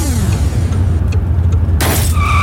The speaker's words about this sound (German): Ein Steinschlag. Am besten schnell reparieren lassen.